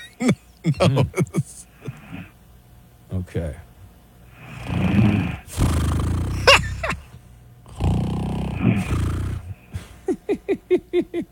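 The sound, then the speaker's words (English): A woman, fast asleep, snores in long, rasping breaths that grow louder and heavier, with two drawn-out rumbling snores in the middle. Brief speech comes before and after. “It turns out she's got a little snore situation.”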